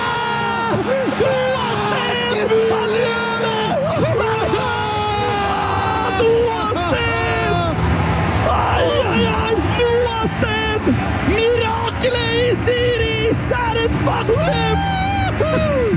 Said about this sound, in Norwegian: Vi hørte jublen her fra Jørgen Klem og Ole Eskil Dahlstrøm i kommentatorboksen etter at Noah Steen satte det avgjørende målet.